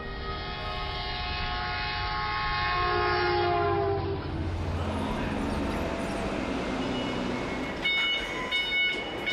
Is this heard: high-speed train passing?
yes